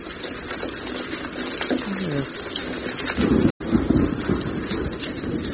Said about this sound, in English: What's that noise? It's raining.